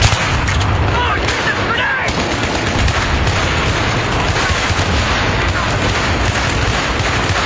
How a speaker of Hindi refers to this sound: अचानक दुश्मन सैनिकों ने भारी तोपों से गोले बरसाने शुरू कर दिए थे और पोस्ट पर हमला बोल दिया।